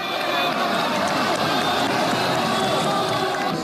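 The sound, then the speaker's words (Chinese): A dense, roaring crowd cheers continuously at full volume, a wall of many voices with no pauses or letup, erupting as the fighting robot White Eagle lands a high whip kick on the head of the robot Matador. “当白色雄鹰一记高鞭腿精准命中斗牛士的头部时，全场爆发出震耳欲聋的欢呼。”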